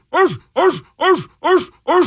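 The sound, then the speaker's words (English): Dogs in Ecuador bark five times in a steady rhythm, each loud, full-throated woof dipping downward in pitch, with short silent gaps between them and no talking. “Sorry about that. Ecuadorian dogs.”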